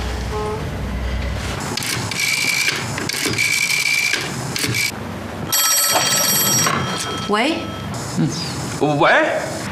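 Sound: telephone ringing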